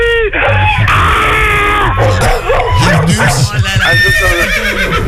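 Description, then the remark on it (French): A person loudly imitates a horse's whinny, a wavering, high-pitched neighing cry that rises and falls for several seconds, with busy background noise underneath. “Oh, tu es ni tout à coup. C'est un cheval, c'est normal.”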